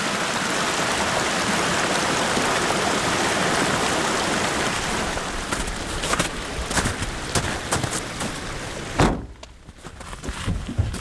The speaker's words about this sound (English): we keep going up, winding higher toward the sky, 7,000 feet, then 9,000, until the forest thickens with stands of Douglas fir. And streams swollen with melting snow cascade down the mountain.